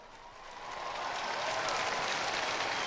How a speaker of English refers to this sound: And the applause there following Pope Leo's signing the back of that cross, which the young people brought up to him.